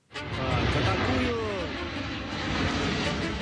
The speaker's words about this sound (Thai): เครื่องบินลำเลียงทางอากาศโบอิ้ง C-17A ถูกบันทึกภาพขณะร่อนลงจอดที่สนามบินในกรุงมอสโกเมื่อวันที่25สิงหาคมเครื่องบินลำนี้บินมาจากฐานทัพแคมป์สปริงใกล้กรุงวอชิงตันดีซีของสหรัฐมาถึงกรุงริกาของลัตเวียเมื่อวันที่23สิงหาคม